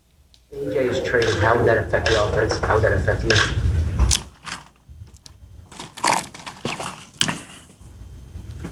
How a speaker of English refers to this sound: It's important that people hear the sound effect. We need the sip. And just so you understand, if I'm not mistaken, you're going to hear a sound effect with no words initially. And the sound effect is the ice shaking. Let's take a listen.